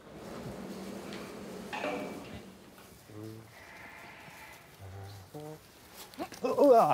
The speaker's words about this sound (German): Dafür muss die Ziege aber erst mal eingefangen werden.